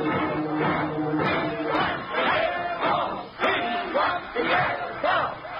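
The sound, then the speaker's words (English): An angry crowd of rooters gathered in front of the Yale dressing room shouts and jeers, many overlapping voices forming a dense, continuous roar with sharper yells rising out of it, loud throughout. “An angry crowd of rooters is gathered in front of the Yale dressing room, and as Frank steps through the door, he's greeted by the distraught Rutgers captain.”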